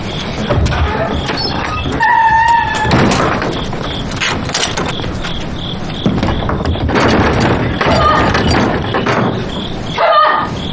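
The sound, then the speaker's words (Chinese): Loud pounding on a closed, shabby door in several heavy bursts, with short pauses between the blows, as someone demands that it be opened, over a busy background of noise and faint chirping tones. “你以为这扇破门就能拦住我吗？开门，不然我一枪毙了你！”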